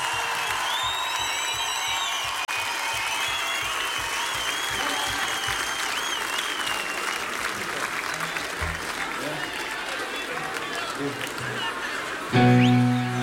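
Steady audience applause for Friedel and Markus at a young band's show, with dense clapping, some whistles and cheers mixed in, sustained at a fairly even loudness for about twelve seconds before a brief burst of other sound at the end.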